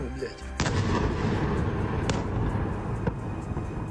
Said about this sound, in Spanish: Esas son las explosiones que se escuchaban esta pasada noche, que según el ejército y el alcalde de la ciudad han dejado varios edificios residenciales dañados.